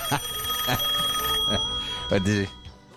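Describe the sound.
A telephone call rings with a steady electronic tone through the first half, fading as brief voice bursts and muffled talk break in.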